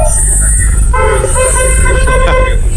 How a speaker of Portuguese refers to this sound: Até gravaram a buzina pra você, viu